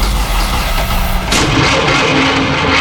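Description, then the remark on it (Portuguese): A car engine cranks with a rough, pulsing churn, then shifts abruptly to a steadier, brighter mechanical rumble, in an advertisement for Walter Elétrica, an auto electrical repair service. Loud, with no voices. “Parou? A Walter Elétrica resolve. Se o problema é motor de partida, alternador, motor de arranque ou qualquer defeito na parte elétrica, pode confiar em quem entende do assunto há mais de 60 anos.”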